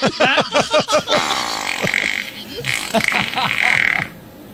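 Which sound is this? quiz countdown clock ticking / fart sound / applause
fart sound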